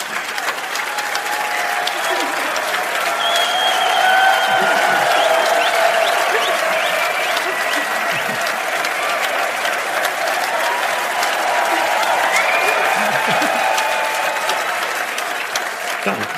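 Sustained applause from a large audience for two people seeing each other for the first time, a steady dense wash of clapping at even loudness for the whole stretch, with faint whoops and cheering tones rising above it.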